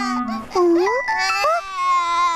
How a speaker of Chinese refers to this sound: 是一楼传来了小宝宝的哭声。